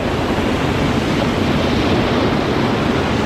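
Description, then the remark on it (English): A steady, full roar of surf washing onto a sunny beach, loud, with no distinct pauses between waves and no voices. “She drops her shoes and steps toward the waves.”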